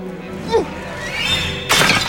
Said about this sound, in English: picks up a snail shell from on top of a pumpkin, grips it with her bandaged hand, and hurls it through the hut's window, shattering a clay jar.